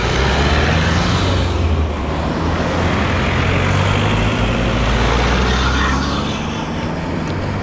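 Steady, loud traffic roars without a break on the G4 main road linking Dravograd with the Štajerska motorway, with deep engine rumble from passing cars, trucks and buses blending into a continuous wash of noise.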